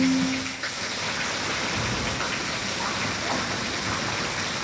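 A cascade of water pours down from the ceiling inside a home, a steady heavy rush like rain falling indoors, a dense continuous splashing that stays loud for the whole stretch, with no voices.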